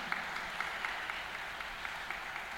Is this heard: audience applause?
yes